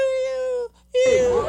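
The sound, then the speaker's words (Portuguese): A man badly mauled by his own pit bull whimpers and cries out in two long, high-pitched, steady wails with a short gap between them; the second cry turns rougher and breathier, almost like a whining puppy. “Escuta como ele grita. Parece um cachorrinho miando.”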